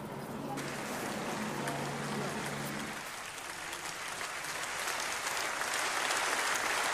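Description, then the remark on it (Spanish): A large audience applauds steadily, a dense wash of clapping that builds slightly toward the end, with faint voices beneath it early on, greeting the words of European Commission president Ursula von der Leyen announcing that the European Union will ban social media access for children under 13. “Con este aplauso han sido recibidas las palabras de la presidenta de la Comisión Europea, Ursula von der Leyen, al anunciar que la Unión Europea prohibirá el acceso a las redes sociales a los menores de 13 años.”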